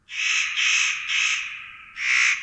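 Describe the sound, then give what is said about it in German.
A spotted nutcracker gives a string of harsh, rasping crow-like calls, about five drawn-out grating notes running almost together, with a short pause before the last. The calls are loud, with no talking. “Seine Stimme ist, wie bei den Hähern ja im ersten Anblick, auch eher so krähenmäßig zur Brutzeit.”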